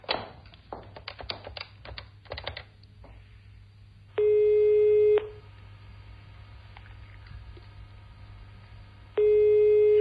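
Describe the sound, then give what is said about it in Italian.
A few quick taps like a number being dialed, then a steady telephone ringing tone sounds twice, each about a second long and several seconds apart, over a low background hum. “Ma no, no, vai, faccio una telefonata e arrivo.”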